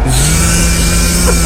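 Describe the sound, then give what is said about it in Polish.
A person's voice mimics a power drill as a sound of a holiday renovation: a steady, loud, buzzing whine held for over a second with no break. “Wiertara.”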